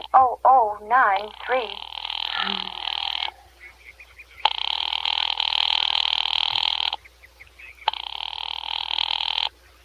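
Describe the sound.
A voice speaks briefly, then a telephone rings down the line as a call is put through to a Murray Hill number, an office: three long, buzzy, steady ring tones of about two seconds each, separated by short pauses of quiet.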